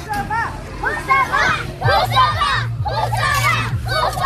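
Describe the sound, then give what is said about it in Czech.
A large group of primary school pupils from Liberec, fans at a football match, cheer and shout loudly together, their high voices rising in repeated waves of chanting and yelling, with a low steady rumble of crowd noise underneath. “Asi nejhlasitější fanouškovský tábor tady, zdejší je základní škola Husova liberecká.”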